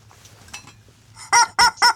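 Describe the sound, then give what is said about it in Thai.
A chicken clucks three times in quick succession, loud, after a quiet stretch with only a low background hum. “กไก่ก็อยากรู้ว่ายังอยู่ไหม”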